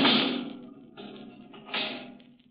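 A heavy steel door slams shut and is locked, with a loud metallic bang and a lingering ringing clang, followed a moment later by a second clank of the bolt or latch, with no voices.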